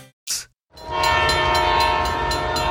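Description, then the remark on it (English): After a short hissing burst, the horn of an Ontario Northland Northlander passenger train blares a sustained chord. Faint rhythmic clacking of the wheels runs steadily beneath it. “Ontario Northland reminds residents that the Northlander passenger train will soon be operating in our region.”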